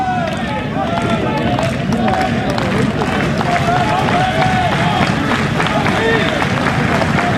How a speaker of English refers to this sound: Chorus of claps again.